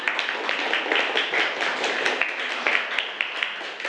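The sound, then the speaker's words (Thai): A group of children clapping together for group one, a steady dense patter of many hands at moderate loudness lasting the whole stretch, with no talking over it. “ทักษะการแก้ปัญหาเก่งมากปรบมือให้กลุ่มหนึ่งหน่อยนะคะ”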